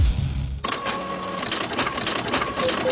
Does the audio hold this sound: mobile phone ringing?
no